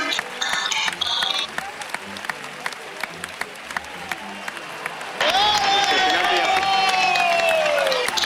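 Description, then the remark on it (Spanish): A bullring crowd gives an ovation, because the bull followed the cape so closely that it stepped on it with its hindquarters. Dense, steady applause swells louder midway, joined by a long, sustained whistle-like cry that slowly falls in pitch over the clapping. “Esa ovación es porque se dejó tanto el engaño que lo pisó con los cuartos traseros y el torero.”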